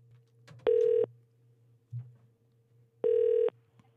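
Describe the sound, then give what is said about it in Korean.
Two short, steady ringback tones from a phone line, spaced a couple of seconds apart, over a faint low hum, as a Far East Broadcasting (극동방송) radio programme calls a listener. The call rings with no voice answering yet. “자, 그 직원을 한번 제가 지난번에 전화 연결했었는데 교회를 가셨다라는 이 사장님의 문자가 도착해서 제가 전화 한번 연결해 보겠습니다.”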